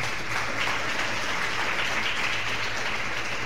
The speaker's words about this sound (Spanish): Un aplauso para el Señor.